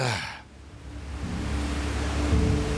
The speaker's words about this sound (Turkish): Şelalenin ana akış yeri işte burada.